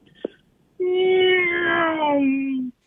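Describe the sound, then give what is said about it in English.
A person imitates a race car with a single sustained, buzzing vocal drone of about two seconds that slides slowly downward in pitch, preceded by a brief click. “I got to get you to do your best race car noise.”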